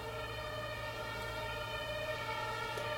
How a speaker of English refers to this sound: Yeah, but it's very a special place, I think, because we're like literally like almost on Sonnenallee, like a very busy long street that goes through Neukölln. You can hear maybe an ambulance or something.